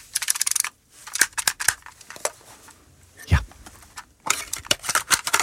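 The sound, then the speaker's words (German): Sharp plastic clacks and rattles of a cassette player being loaded, in quick irregular bursts with a pause midway, and a brief spoken word. “Ja, dieses Plastikklackern. Oh ja, pure Nostalgie, der gute alte Kassettenspieler im Kinderzimmer damals oder eben als Walkman.”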